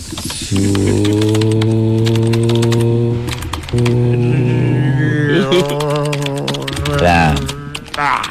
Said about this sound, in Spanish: A ver, otra vez escribo en el teclado.